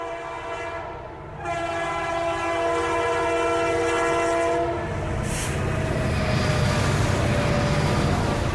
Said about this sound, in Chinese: 走出关中，沿着黄河向东，始建于1904年的陇海铁路，如今已经全面电气化、高速化。黄河上的高铁，连通的不仅仅是中国的西部和中原，更是贯通欧亚的大陆桥。